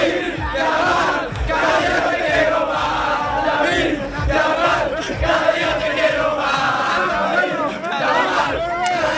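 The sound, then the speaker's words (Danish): A large football crowd in Madrid chants the name of young striker Lamine Yamal in 2024, after Spain beat England 2-1 in the European Championship final: a loud, continuous roar of many voices with rising, rhythmic shouted syllables repeating throughout. “De råber på den unge angriber Lamine Yamal her tilbage i 2024.”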